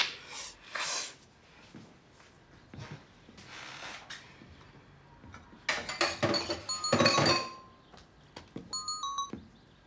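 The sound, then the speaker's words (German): Cups and dishes clink and clatter as tea is made, with scattered bright ringing taps and brushing noises, busiest in the middle, ending with a few high metallic pings. “Alles gut, jetzt ist ja die Oberschwester da und kocht Tee.”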